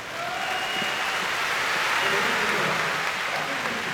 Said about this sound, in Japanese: およそ8100人収容のこの IG アリーナ、大きな拍手が湧き上がりました。